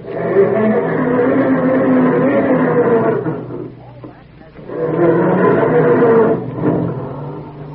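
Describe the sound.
A voice imitates a family car's engine struggling to start in the morning: two long, loud, groaning and sputtering bursts with wavering pitch, separated by a brief dip around the middle.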